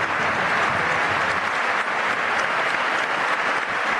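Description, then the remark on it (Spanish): Steady, dense applause from a large stadium crowd at San Mamés, an ovation for Chingurri joined by the Valencia players, loud and continuous for the whole stretch, with thousands of hands clapping at once and no voices standing out. “Donde las haya, en el césped de San Mamés, y el aplauso también de los jugadores del Valencia.”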